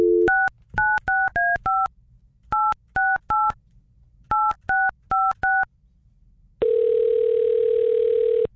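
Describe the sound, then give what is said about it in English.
A phone number is punched in to call a contest winner, a quick series of touch-tone beeps in three clusters, followed by a steady ringback tone. No one speaks; the tones are clear. “So let's call our lucky winner here and see if they know what's going on.”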